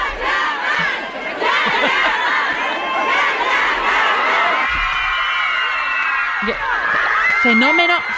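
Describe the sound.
A large crowd of fans screams and chants loudly and continuously, a dense wall of shrill voices with rising cheers, as if shouting someone's name in unison nearby.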